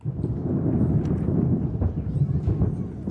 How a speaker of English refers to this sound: Well, despite the forecast of severe weather, New York put on a large firework display to mark July 4th celebrations.